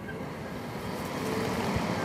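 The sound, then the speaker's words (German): The small fan motor of a mosquito trap, just connected to a car battery, spins up into a steady, breathy whir with a low rumble underneath, growing slightly louder partway through and then holding even. No one speaks. “Und wenn ich dann die anschließe, hört man auch schon, dass der Ventilator dann zu arbeiten beginnt.”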